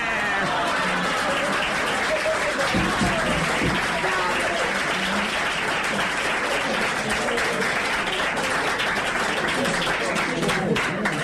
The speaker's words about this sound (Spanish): Pero no me van a decir que no me merezco un aplauso.